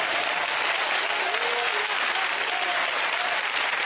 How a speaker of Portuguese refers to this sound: Que Deus os abençoe, batam palmas para Jesus Cristo.